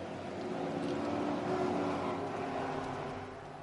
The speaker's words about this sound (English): It's a long hold. And there are the sound of the V8s. We go green.